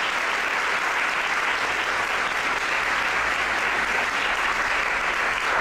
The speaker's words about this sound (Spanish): también se merecen un aplauso.